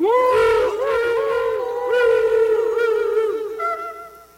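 Whale song vocalizations: long, moaning tones that swoop and bend in pitch, flowing continuously and fairly loud for a few seconds with no talking.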